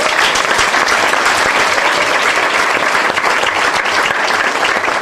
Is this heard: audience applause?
yes